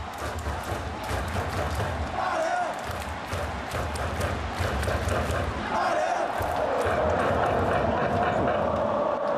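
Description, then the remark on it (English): A large stadium crowd of Dalian football fans jumps, cheers and chants in unison during a match against Shenyang while their team trails 1-0, a loud, steady roar of many voices with rhythmic surges and stamping-like thuds throughout. “Everyone is still jumping up and cheering and chanting.”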